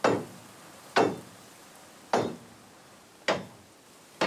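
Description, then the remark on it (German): A crowbar, used as a hammer during a bridge inspection, hammers loose nails into nailed (not screwed) rails: five sharp, loud strikes land about a second apart, each with a short ringing decay, and no voices are heard. “Kevin nutzt seine Brechstange auch als Hammer.”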